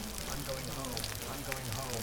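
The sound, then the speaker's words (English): Steady rain patters and hisses, a dense crackling wash of drops, with a low hum running beneath it throughout. “Get into these fake tangents, and then all of a sudden, here we are in the rain again.”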